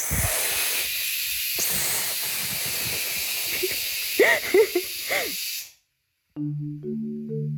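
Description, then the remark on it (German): A lidded pressure cooker cooking rice and lentils for khichdi lets out a loud, steady hiss of escaping steam with a shrill whistling edge for about five seconds, then cuts off abruptly. A short, low tonal sound follows after a pause. “Es pfeift 2, 3 Mal.”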